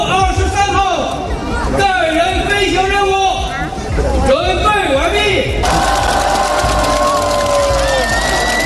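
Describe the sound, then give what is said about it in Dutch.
A large crowd in northwest China cheers loudly and continuously before the launch of three Chinese astronauts to a Chinese space station, many voices shouting and whooping together, then settles into a steady roar of noise with a thin sustained tone for the final seconds. “Na luid applaus werd de bemanning in het noordwesten van China de lucht ingeschoten.”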